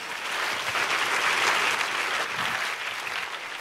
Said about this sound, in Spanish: Si ese es el aplauso, si ese es el aplauso.